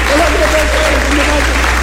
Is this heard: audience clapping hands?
yes